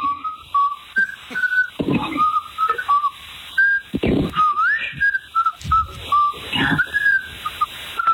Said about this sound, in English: he whistled happy birthday to me. He was just able for the first time to be able to whistle.